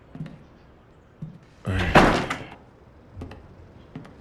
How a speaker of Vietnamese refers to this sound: Vào đi và đóng cửa lại.